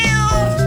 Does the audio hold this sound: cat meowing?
yes